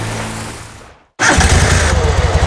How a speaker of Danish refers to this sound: Det var del med da godt, du allerede nu finder ud af, at plæneklipperen ikke vil starte, hva'? Tænk, hvis du først fandt ud af det, når græsset skal slås.